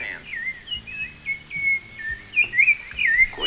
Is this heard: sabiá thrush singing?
yes